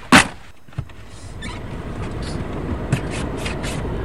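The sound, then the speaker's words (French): A car door thuds shut, followed by a second softer knock, then a low steady engine rumble settles in and hums on inside the car. “vous êtes venus me chercher à la gare et on est maintenant dans votre voiture.”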